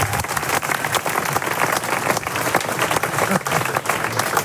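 A crowd applauds steadily for several seconds at a celebration of 80 years of the Sportverein Kroatisch-Minichow sports club, a dense, even wash of many hands clapping at a loud, sustained level with no voices standing out.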